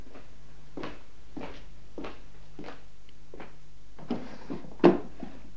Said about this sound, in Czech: Mohu otevřít zásuvku v psacím stole? Samozřejmě.